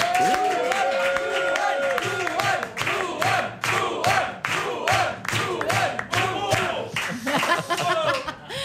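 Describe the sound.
A live audience bursts into loud, sustained applause mixed with cheers and whoops, dense rapid clapping filling the room for several seconds with voices shouting over it.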